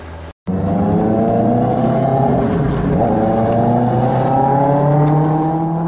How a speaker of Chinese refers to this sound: 市民拍摄的画面显示，深夜车流稀少，但两轮电动车制造的轰鸣声格外刺耳，严重扰乱城市道路交通秩序。